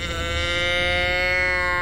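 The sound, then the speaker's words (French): A cow in the countryside moos once in a long, steady, drawn-out call, loud, with no other voices or sounds around it. “Il découvre la campagne. Oh! Une vache. Puis une autre.”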